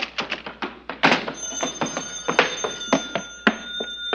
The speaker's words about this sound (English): The telephone. Maybe it's No Dice Noonan. Maybe he's changed his mind.